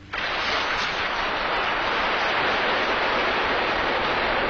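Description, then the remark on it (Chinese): Steady, dense hiss of heavy rain pouring down during military drill at the Datong school in Shaoxing, starting abruptly and holding an even, loud roar throughout with no voices. “连下雨都害怕，将来怎么打仗？”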